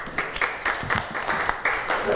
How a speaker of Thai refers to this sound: ค่ะปรบมือให้เพื่อนหน่อยค่ะ